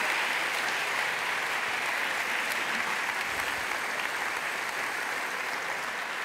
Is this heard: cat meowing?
no